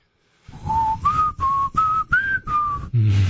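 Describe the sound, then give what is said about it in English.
Someone whistles a short tune of about six clear, steady notes that step up and down in pitch, each separated by brief pauses, with no talking. “My dog loved it when I whistled that song.”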